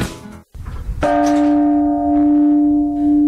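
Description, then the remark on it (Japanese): The World Peace Bell, cast in 1988 from coins and medals collected from 81 countries, on the hill at Cape Soya in Wakkanai, is struck once after a short burst of rustling noise and a moment of silence. Its deep, resonant tone swells and hums steadily with a slow, wavering ring. “1988年に世界平和を願う81カ国から集められたコインやメダルを鋳造して作られた世界平和の鐘。”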